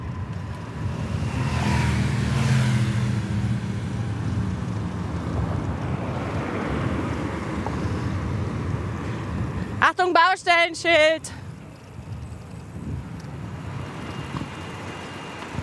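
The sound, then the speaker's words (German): Fast cars rush past on a main road beside a cycle lane, on the way to Landeck, in a steady, rumbling roar mixed with buffeting wind noise. A person speaks briefly, and a short burst of high, warbling tones cuts through midway. “Ihr hört's, schnelle Autos, die an uns vorbeifahren.”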